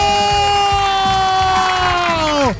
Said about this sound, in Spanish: cuando yo dé el ganador, todo el mundo va a aplaudir, va a gritar porque se va a dar una tele de 50 pulgadas.